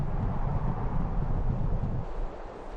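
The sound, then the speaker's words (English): A strong, steady mountain wind gust in the Pamir roars with heavy low-end rumble, buffeting loudly for a couple of seconds before easing slightly toward the end, drawing in thick clouds that turn to snow. No voices are present. “A gust of strong wind draws a curtain of thick clouds, which turns to snow in a moment's notice.”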